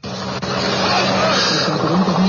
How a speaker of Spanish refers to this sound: Estamos viendo, bueno, o por lo menos estamos escuchando que están sobrevolando ya los helicópteros de la policía en este sector.